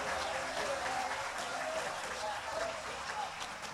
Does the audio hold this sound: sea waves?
no